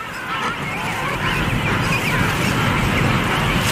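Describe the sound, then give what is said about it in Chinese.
Yellow-eyed penguin calls ring out loudly and continuously as a pair greet each other and take turns guarding their chick, a dense stretch of harsh, honking cries overlapping one another with no pauses and no talking. “简单的相互问候之后，黄企鹅青鸟第一次换班看护雏鸟。”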